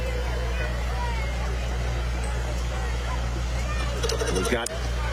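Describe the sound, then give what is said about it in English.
A 1950 IH Farmall tractor with an American flag on the back rolls down the street, its engine droning with a steady low rumble, even throughout, while a crowd murmurs in the background and a brief clatter sounds near the end. “We have a 1950 IH tractor.”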